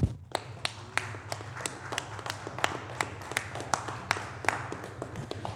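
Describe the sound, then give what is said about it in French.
Steady hand clapping for an event's organizing team and its co-directors, about a dozen sharp, crisp claps in an even rhythm over a low background hum, with no voices in between. “J'ai envie de vous applaudir, moi.”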